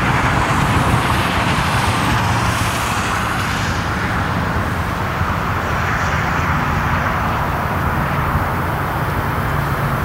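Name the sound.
motorway traffic noise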